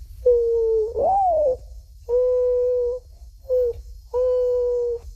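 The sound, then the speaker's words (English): A 12-year-old's voice mimics a mourning dove's call, clear: a rising, swooping first coo followed by three steady, hollow hoots in a slow, mournful rhythm, with no talking. “First, the morning dove.”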